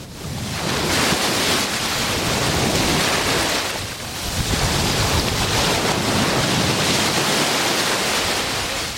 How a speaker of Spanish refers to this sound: Ya tengo los piececitos mojados, el agua no está muy fría y el sonido que hoy nos deja el mar Mediterráneo es muy intenso, de olas, muy movidito. Así suena hoy la playa de Saloreña.